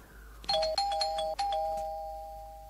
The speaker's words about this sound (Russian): Найдя нужную дверь, нажимает на звонок.